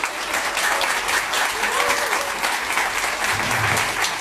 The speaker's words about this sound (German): Ihr gebt ihm gleich noch einen riesen Applaus.